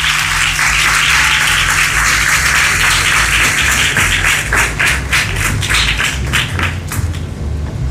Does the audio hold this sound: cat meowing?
no